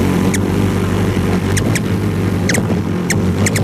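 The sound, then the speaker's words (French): Pierre Verville imitates a ruby-throated hummingbird feeding in a group: short, high squeaky chips, some in quick pairs, scattered over a steady low droning hum that runs throughout. “Le colibri à gorge rubis, c'est pipiment lorsqu'il se nourrit en groupe.”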